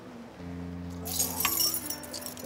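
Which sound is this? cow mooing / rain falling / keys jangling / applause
keys jangling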